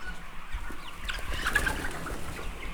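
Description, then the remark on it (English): A dense chorus of hens clucking and murmuring inside a poultry house split into two sides, about 3,400 birds in each side, many at once in a steady overlapping babble, with occasional brief higher calls and faint rustling beneath. “And how many birds do you have and how many are in here?”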